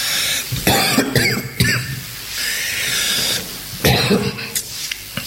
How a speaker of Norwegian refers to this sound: Nå får jeg hosten av.